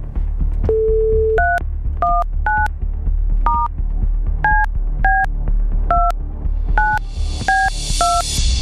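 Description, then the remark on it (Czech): A brief steady dial tone, then a phone number keyed in as about a dozen quick, evenly spaced touch-tone beeps over a low hum, ending with a burst of hiss, as Rádio Blaník calls a listener on air. “Výborně, zvoníme, to je dobrá zpráva.”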